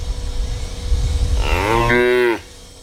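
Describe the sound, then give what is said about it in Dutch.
A single loud cow moo, of the kind cows use to signal that they need something, starts low, climbs quickly in pitch, then holds steady before cutting off, over a low rumbling background. “Maar dan heb je die geluiden waarin de koeien duidelijk aangeven dat ze iets nodig hebben. En dan dat geluid begint laag, maar dat stijgt heel snel.”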